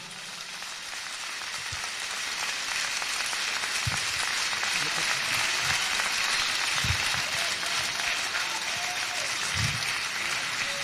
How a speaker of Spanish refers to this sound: Denle más fuerte esas palmas al Señor.